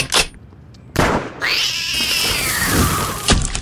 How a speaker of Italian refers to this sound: E vede quel ramo lassù? Un gattino ci si è arrampicato e non vuole scendere.